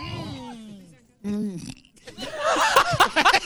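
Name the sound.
burp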